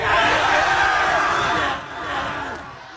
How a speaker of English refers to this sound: Which is why here at Bishop Kelly, they celebrate that milestone, that sweet, fleeting moment between a parent and a child and a couple hundred screaming seniors.